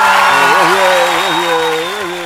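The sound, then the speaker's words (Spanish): A burst of clapping and cheering fills the scene, steady and fairly loud for a couple of seconds, with a sustained voice whooping over the dense applause. “Ahí, un aplauso.”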